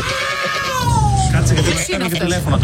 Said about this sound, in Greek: Αυτή όμω, φίλε, η γάτα έχει βρει και έναν τρόπο να καλεί. Δηλαδή σου δίνει σήμα.